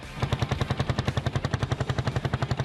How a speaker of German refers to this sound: Mit dem Duft sowie dem Sound vieler Zweitaktmotoren wurden die Leute begrüßt. Ja, wir haben unsere 19. Auflage vom Oldtimer-Treffen in Lauda, was immer am Pfingstsamstag stattfindet.